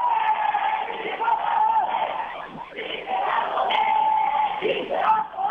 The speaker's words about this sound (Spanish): Sí se va a poder, gritan algunos manifestantes